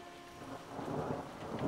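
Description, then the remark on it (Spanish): Steady rain pours down, a dense hiss of drops that grows a little louder after the first moment, with a low rumble of thunder rolling underneath. No one speaks. “¡Lluvia! ¡Está lloviendo!”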